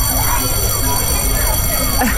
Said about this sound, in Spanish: Pues sí, el sonido del recreo, el timbre, las carreras, los gritos, las pelotas.